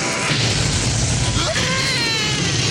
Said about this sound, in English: Amidst an explosion, a body drifts to the ground.